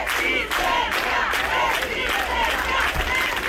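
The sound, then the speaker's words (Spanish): A large protest crowd at the Obelisco in A Coruña chants in unison, demanding more effective measures from the government, voices rising and falling in a steady repeated rhythm, loud and continuous with a dense roar of many people throughout. “Así sonaba en las últimas horas el obelisco, donde ha habido una concentración para reclamar al gobierno medidas más efectivas.”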